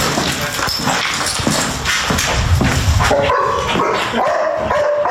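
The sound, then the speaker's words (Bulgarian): Several rescue dogs bark and yelp during search training with volunteers at an abandoned mountain hut, over a busy, noisy outdoor background, the barking persistent throughout, with some higher whiny calls toward the end. “Пълна е с доброволци и кучета спасители.”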